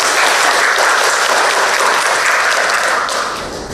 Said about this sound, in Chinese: 好，我们掌声欢迎。